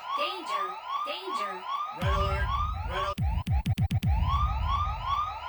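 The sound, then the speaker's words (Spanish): A loud alarm siren wails in rapid, repeating rising sweeps, joined partway through by a deep booming bass and a quick burst of sharp percussive hits. “Un saludote, porque en este momento acaban de activar. Así es, la alarma.”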